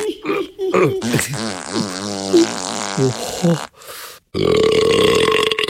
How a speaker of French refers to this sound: Loulou rôte, pète, pisse, crotte, tremble la maison. Mais la maison tient bon.